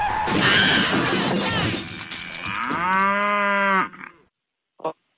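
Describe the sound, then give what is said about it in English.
A loud cow moo lasting about a second rises out of the tail end of a harsh crashing, shattering noise as a car driving through the countryside hits the cow, followed by silence and a brief faint thump. “Because I'm driving through the country right now, and I'm seeing all of these cows, and it's, like, putting me in the mood for a really big, fat, juicy...”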